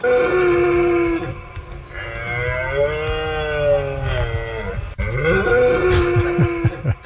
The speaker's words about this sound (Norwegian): For sånn kommer det til å høres ut rundt omkring i norske skoger fremgjørende, for nå skal hjorten ut og brøle.